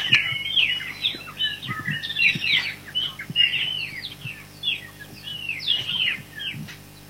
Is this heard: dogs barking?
no